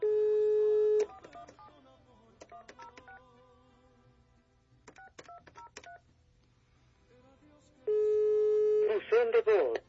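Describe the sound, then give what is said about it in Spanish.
A phone call is dialed: a steady dial tone cuts off into a quick series of short phone keypad beeps, followed by another dial tone and a brief burst of garbled, electronic line noise. “Si le intentas otra vez, le estoy escribiendo que le estoy marcando.”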